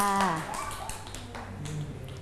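A group of children in a class clap their hands in scattered, uneven bursts for about two seconds to praise a classmate, following a brief adult voice at the start, moderately loud.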